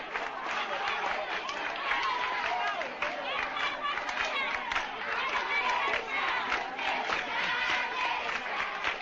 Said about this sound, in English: Saying everybody for freedom, waving to onlookers on the sidewalk to join the crowd in the street, moving back up the line of march that the funeral procession took, but with an entirely different tempo.